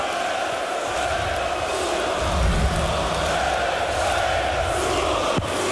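A packed darts crowd roars and cheers steadily as Martin Schindler begins the deciding 11th leg, a dense wall of shouting and chanting voices with no breaks, loud throughout and swelling slightly midway.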